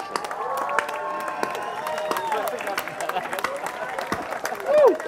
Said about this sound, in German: Bitte einen riesengroßen Applaus an meine Kollegin.